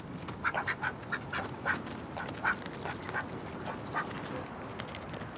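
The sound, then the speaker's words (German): Domestic ducks, kept as pets on a boat, quack repeatedly in quick, uneven bursts over a steady background rumble, the calls moderately loud, clustering early then spacing out. “Enten sind die logischsten Haustiere, wenn man auf einem Boot lebt.”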